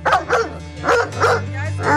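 A dog barks five times in quick, uneven bursts, loud, with a low steady hum running underneath.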